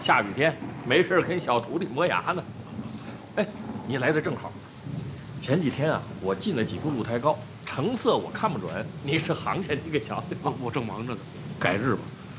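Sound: rain falling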